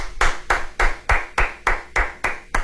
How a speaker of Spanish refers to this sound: Aplausos. Muchas gracias. Muchas gracias.